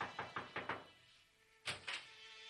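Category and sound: household object, knocking on a door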